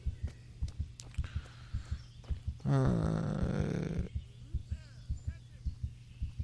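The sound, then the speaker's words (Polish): A rapid, steady heartbeat thuds low throughout, briefly overlaid midway by a louder, harmonic droning sound lasting about a second before the beats continue alone. “Już mu serce bije.”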